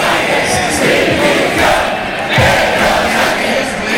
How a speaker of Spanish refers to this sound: Bueno, como pueden escuchar, las voces de los gritos de Pedro Sánchez Dimisión se mezclaban con los aplausos de quienes estaban esperando para ver el concierto